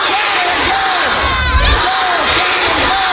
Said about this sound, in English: Back at that elementary school, the students are rehearsing their cheers, with Canada guaranteed to play three games and hoping to advance to the elimination rounds for the first time.